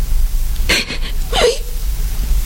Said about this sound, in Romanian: plânge. Cum e cu putință?